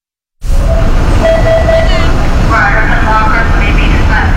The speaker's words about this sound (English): On a recent Wednesday, yellow school buses line up outside a sprawling red brick middle school in Peabody.